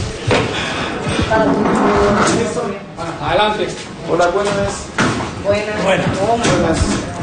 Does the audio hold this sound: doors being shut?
yes